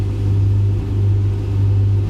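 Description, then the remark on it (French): A washing machine drum spinning fast during its wash and spin cycles, giving a steady, loud, low motor hum with a deep rumbling drone that holds constant throughout, with no voices. “Les bacs pris et repris, les cycles de lavage, d'essorage, de plus en plus vite, plus fort.”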